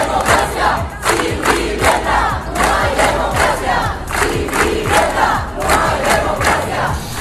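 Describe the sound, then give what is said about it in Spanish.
A protest crowd of more than 140 people, called by the Derecho al Techo collective to the doors of a building on Nicolás Estebanes street in Las Palmas de Gran Canaria, chants loudly in unison against eviction. They repeat a rhythmic slogan in strong, steady bursts with shouting voices blending together throughout. “El colectivo Derecho al Techo convocaba a todos a las puertas del edificio que está en la calle Nicolás Estebanes de Las Palmas de Gran Canaria, y allí más de 140 personas coreaban que no se les desahuciara.”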